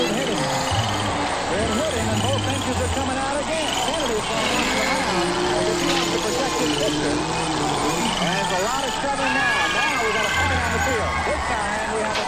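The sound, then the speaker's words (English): In a typical suburban backyard, a steady high buzz of a cicada calling from a nearby tree and the shrill chirping of crickets run throughout, mixed with a busy chorus of children's voices calling and chattering over it. “You heard the children, but did you hear the cicada showing from a nearby tree? Did you hear the crickets?”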